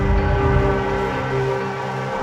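A loud, steady roar of jet engines at full thrust just before a catapult launch, with a deflector panel raised behind to shield personnel and other aircraft from the jet blast; layered humming and whining tones held at a constant level, and no voices.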